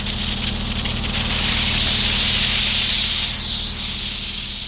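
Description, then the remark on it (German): A steam cleaner meant for removing chewing gum residue blasts out a big cloud of steam with a loud, steady hiss that holds for several seconds over a low mechanical hum, with no one talking. “Da kommt dann so eine ganz große Dampfwolke raus.”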